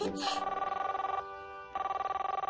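A telephone ringback tone warbles steadily on the line as a father places a call to the mother, a rapid, buzzy ringing that pauses briefly midway and then resumes, after a short noise at the start.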